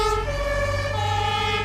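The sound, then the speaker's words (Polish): A modern fire engine siren of the present-day Berlin fire department blares, its two tones alternating steadily over the low rumble of a heavy vehicle engine, with no one speaking. “A to już dzisiejsza Straż Pożarna w Berlinie, którą znacie zapewne z własnego otoczenia, z waszych ulic i osiedli.”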